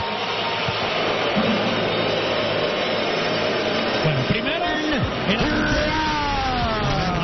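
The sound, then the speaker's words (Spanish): A large stadium crowd boos Ben Rice as he comes out from third base during player introductions, in a loud, sustained, dense roar that holds steady for several seconds, while a man's voice speaks briefly over it. “primero el abucheo para Ben Rice, ahí está, va saliendo desde la tercera base”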